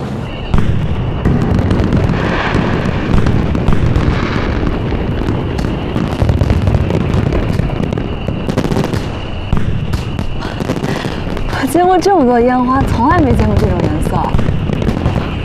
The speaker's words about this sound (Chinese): 见过这么多烟花，从来没见过这种颜色。因为从来就没有人做出过蓝色烟花，这是一种最新提炼出来的染色林，对存放的干湿度要求极高，易燃易损亡。